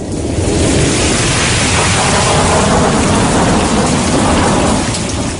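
Heavy rain pours steadily while a deep, continuous rumble of thunder rolls underneath, loud throughout, with no voices present.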